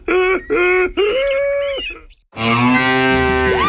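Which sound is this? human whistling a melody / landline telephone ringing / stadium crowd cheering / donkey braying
donkey braying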